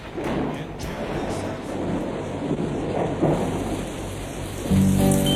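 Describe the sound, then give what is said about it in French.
Steady heavy rain patters and hisses against window panes, with a low thunderous rumble underneath and scattered sharper drops; a sustained tone joins briefly at the very end. “J'écoute en soupirant la pluie qui ruisselle, frappant doucement sur mes carreaux.”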